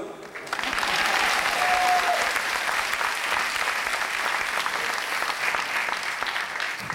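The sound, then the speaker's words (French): A crowd applauds steadily for several seconds, a dense wash of clapping that swells in quickly and stays loud and even throughout, with a faint whistle briefly cutting through early on. “Tu vois, Sacha, un jour, ces applaudissements seront pour toi.”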